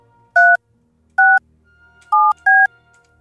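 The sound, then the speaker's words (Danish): Four crisp touch-tone telephone dialing beeps, each a short two-pitch tone at a slightly uneven pace, loud over a quiet background with no talking, dialing a call to a person who had sent a text message. “Vi ringer til en person, som har sendt os en sms.”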